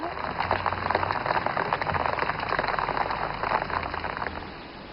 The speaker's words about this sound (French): C'est du Rani, elle dit qu'il pleut.